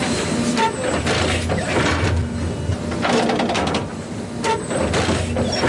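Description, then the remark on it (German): A garbage-truck-sized hybrid turf stitching machine works on the natural grass pitch of the Europa-Park Stadion, its heavy engine droning steadily while bursts of hissing, clattering mechanical noise recur every second or two as it inches forward and stabs a row of needles into the turf, with faint bird chirps in the background. “Alle paar Sekunden fährt das Müllauto-große Gerät ein ganz klein bisschen weiter und sticht mit einer Reihe Nadeln in den Rasen vom Europaparkstadion.”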